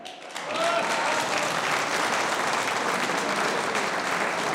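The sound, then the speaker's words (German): A crowd in Wiesen bursts into sustained applause for two candidates in the election of the new strawberry queen, dense clapping rising quickly after a brief quiet start and holding steady and loud throughout, with no one speaking over it. “Das ist euer Applaus.”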